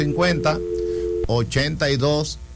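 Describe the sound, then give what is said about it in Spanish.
A steady telephone line tone hums under a man's talking for about a second after a caller's call drops, then cuts off abruptly as his speech continues without it. “Se cayó. Repita su llamada.”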